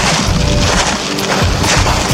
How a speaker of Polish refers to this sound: Wydaje mi się, że ten dźwięk to chodzenie w liściach. Ale liściach jesiennych.